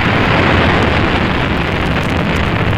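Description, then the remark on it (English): A rocket engine's liftoff roar: a loud, steady, crackling rumble that fills the whole clip without pause, deep and broad like continuous thunder, with no voices. “T-minus 18 seconds and counting engine start.”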